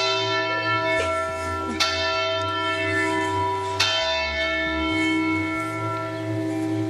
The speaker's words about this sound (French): Et c'est l'heure des cloches en plein direct.